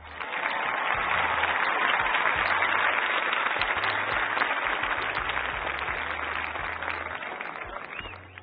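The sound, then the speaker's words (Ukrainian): A crowd applauds on a radio programme for a listener's birthday, steadily for about eight seconds: a dense, loud wash of many hands clapping that stays even throughout and thins slightly only at the very end. No voices are heard. “Пані Ольгу, я сподіваюся, що ви нас чуєте, і вітаємо щиро вас з днем народження, і ці оплески, вони зараз для вас.”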